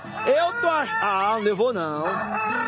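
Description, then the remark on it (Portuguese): A human voice imitates a rooster crowing: one long, loud, wavering cock-a-doodle-doo call lasting nearly three seconds, with no other sounds around it. “Coloca o galo para acordar todos.”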